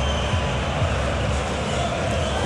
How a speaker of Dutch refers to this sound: Ja, hier en daar toch wel licht gefluit op de tribunes. Ja, ook zij. Iedereen staat stil. Publiek begint nu te morren.